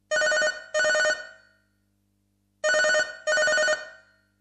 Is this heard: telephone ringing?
yes